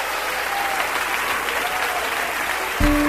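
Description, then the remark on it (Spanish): A large crowd applauds steadily, praising the greatness of 'our king', a dense wash of clapping that fills the whole stretch, with a low tone or music entering near the end. “Aplaude la grandeza de nuestro rey.”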